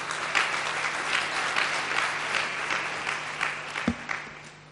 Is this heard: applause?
yes